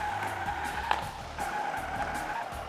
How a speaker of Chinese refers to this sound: 而我呢，将用我手中的遥控器来操纵模型汽车，模拟在地下车库转弯或者是刹车的情况。我们来看看两边的区别究竟在哪里吧。好的，小汽车已经出发，现在是3到5码的速度，我们来一个转弯。